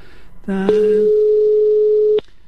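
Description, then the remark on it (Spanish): A telephone tone plays as a call reaches Movistar voicemail: a brief rising two-note chime, then a long steady beep held for about a second and a half. Faint background noise underneath. “Ahora no me lo coge. ¡Oye! Buzón Movistar. El teléfono.”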